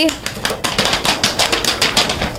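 A group of schoolchildren in class clap their hands at the teacher's request for a pupil who answered correctly, a quick, uneven burst of applause, sharp overlapping claps that stay fairly loud and steady for a couple of seconds.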